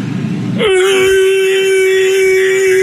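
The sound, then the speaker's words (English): A voice imitates a T-Rex roar as a mating call to woo the ladies: a brief rough, breathy burst gives way to a loud, long, steady wailing cry held on one pitch for over two seconds, with no talking. “Now it's time for the mighty T-Rex roar mating call to woo the ladies.”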